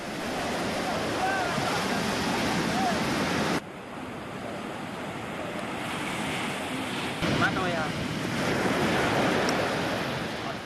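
Steady ocean surf roars on a beach, a loud continuous wash of waves with wind noise, briefly dipping softer midway before swelling again.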